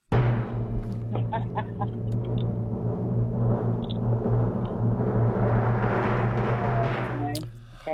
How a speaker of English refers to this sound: Hey. It was thunder.